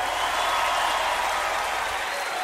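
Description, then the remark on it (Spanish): A crowd applauds steadily, dense overlapping clapping that holds at a fairly loud, even level for a couple of seconds without a break. “Aplaudan que se acabó.”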